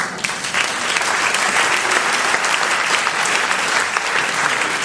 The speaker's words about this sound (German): Applaus